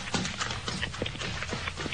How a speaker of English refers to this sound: Yes, a man running up the road, past the two fellas trudging home.